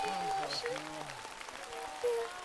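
Steady audience applause for a singer and another performer, a dense crackle of many hands clapping at an even level, with a few sustained tones and a low hum fading out over the first second.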